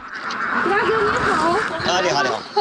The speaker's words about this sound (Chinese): 鸭子在哪儿？我已经听见 了。鸭子在鸭栏里面。 看一下。 对。 哇，这么多。 我们最多的时候1000码只，现在还有800多只了。